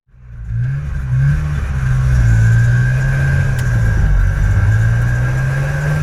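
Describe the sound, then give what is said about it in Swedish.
A motorcycle engine with a sidecar runs loudly, its low steady rumble rising slightly in pitch as it revs, with no voices for about six seconds. “De flyttade med en motorcykel som hade en sidovagn och körde via Sverige sen.”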